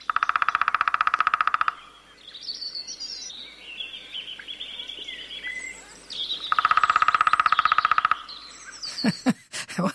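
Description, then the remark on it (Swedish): Two long, rapid drum rolls of a lesser spotted woodpecker, each an even, machine-gun-like burst lasting under two seconds, separated by a pause filled with other birds singing in the background. “Då tar vi mindre hackspett. Mindre hackspett. Ska vi lyssna på trummandet?”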